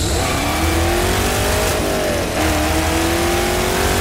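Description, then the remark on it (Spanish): A car engine revs loudly, its pitch climbing steadily with a brief dip midway before rising again, a continuous throaty roar with no voices. “atrás de eso viene a un Mercedes del año”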